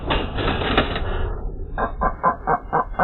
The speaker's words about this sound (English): The sound of the white-tailed eagle.